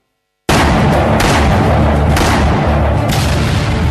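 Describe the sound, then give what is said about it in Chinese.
After a moment of silence, a loud battle sound effect evoking the gunfire at Lugou (Marco Polo) Bridge on 7 July 1937 erupts: a dense, continuous rumble of gunfire punctuated by heavy artillery booms about once a second, with no voices. “1937年7月7日，卢沟桥的枪声震醒了沉睡的中华大地，全民族抗战的烽火就此点燃。”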